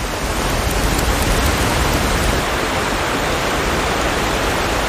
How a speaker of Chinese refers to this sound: 如今，河流和瀑布解冻的时间越发难以预测。冰雪消融后，水流奔腾而下的景象无比壮观，足以震撼人心。